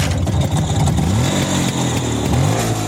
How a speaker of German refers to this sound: Eine entspannte Runde mit dem Motorrad aus dem Jahr 1959, das steht bei Ihnen auf dem Programm.